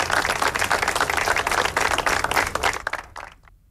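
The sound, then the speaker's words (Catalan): A crowd of attendees applauds, breaking a minute of silence at a sober institutional ceremony with a floral offering at the Memorial de la Pau: dense overlapping clapping from many hands that holds strong, then thins to a few scattered claps and fades out near the end. “L'acte institucional, molt sobri, ha acabat amb una ofrena floral al Memorial de la Pau i un minut de silenci que s'ha trencat amb els aplaudiments dels assistents.”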